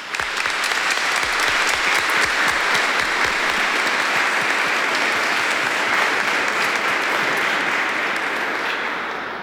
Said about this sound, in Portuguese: Nós acolhemos eles com uma salva de palmas.